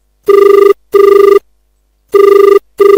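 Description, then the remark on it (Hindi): A telephone rings for an incoming call to the weekly farmers' phone-in programme Kisan Vani on Akashvani Sagar radio, in two paired bursts, each double ring a steady electronic trill with a clear pitch, loud, separated by a pause of silence. “बिल्कुल सही जगह फोन लगो, किसान वाणी को साप्ताहिक क्रम है।”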